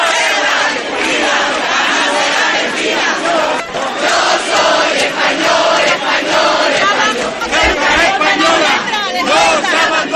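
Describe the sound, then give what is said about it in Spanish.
A huge crowd of about 10,000 people shouts and cheers in the streets of Ceuta, in the Plaza de la Constitución, a dense, continuous roar of many voices that stays loud and steady throughout, with rising chants and yells poking through the din. “Miles de ceutíes, alrededor de 10.000, se lanzaban a las calles para gritar con fuerza, además.”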